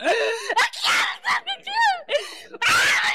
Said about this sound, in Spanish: Oye, Satanás, ¿qué te está pasando? ¿Por qué gritas?